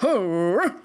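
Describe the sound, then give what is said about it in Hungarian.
A brief voice imitating a boxer dog's angry growl, a single sustained snarl that rises, holds steady and swells again before cutting off. No teeth gnashing can be made out. “A boxer megnézte magát a kirakatban, és rettentő dühös lett, morgott és csikorgatta a fogát.”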